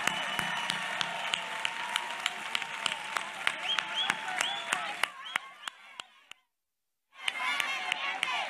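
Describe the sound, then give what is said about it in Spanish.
An audience applauds for colleagues from Ceuta, steadily with dense clapping and a murmur of crowd noise, fading out around six seconds; after a brief silence, a fresh wave of clapping and cheering swells up. “Y ahora sí que, para empezar, disculpadme, esto no estaba en el guión, pero os voy a pedir un fuerte aplauso para nuestros compañeros ceutíes que están dejados de la mano de Dios y se lo merecen.”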